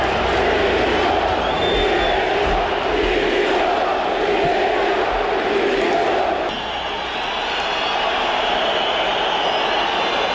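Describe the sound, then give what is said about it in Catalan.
A large crowd of Mallorca football fans shouts and chants together in protest, demanding the resignation of the whole club board ("directiva dimissió"), a loud, dense roar of many voices that continues steadily for the whole stretch, easing only briefly partway through. “L'afició, a més, va ser molt crítica i demana va demanar a crits la dimissió de tota la directiva.”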